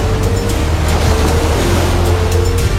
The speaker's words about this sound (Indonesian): Kedahsyatan naga itu mengakibatkan ombak laut semakin besar, bergulung-gulung, laksana badai.